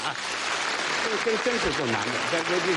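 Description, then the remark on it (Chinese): Steady audience applause for a performer after a tongue-twister routine fills the whole stretch as a dense, even clatter, with voices calling out over it during the second half. “师傅们，给这位老师来点掌声吧。”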